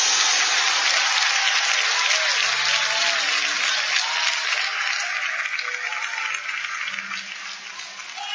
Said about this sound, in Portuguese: Com palmas e glória a Deus, bem forte, bem alegre. É pra Jesus!